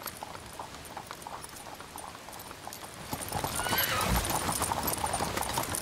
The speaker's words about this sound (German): Auf dem breiten, sandigen Wattrücken nahe der Elbmündung setzt sich bei ablaufendem Wasser ein Treck mit Pferdekutschen in Bewegung. Der Kundige kann das Wattenmeer an manchen Stellen bei Ebbe durchqueren.